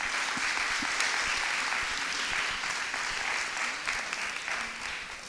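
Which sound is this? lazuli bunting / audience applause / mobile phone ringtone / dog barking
audience applause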